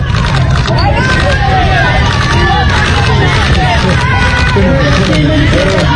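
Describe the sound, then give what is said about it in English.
A crowd on a Bronx street in New York: many voices overlapping in a loud, steady babble, with individual shouts rising now and then over a low, constant rumble of traffic. “This is a crowd on a Bronx street in New York.”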